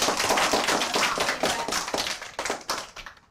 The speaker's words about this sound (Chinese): 有掌声